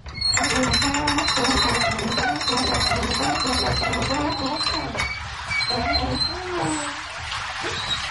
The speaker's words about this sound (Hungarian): Folyik le róla a víz, hallani a csobogását.